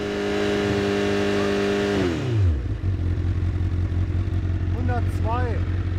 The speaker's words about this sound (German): Ganz normal und dann pegeln sie mal 6000 Umdrehungen ein. Bitte. 6000, ja. Geräuschpegelmessung.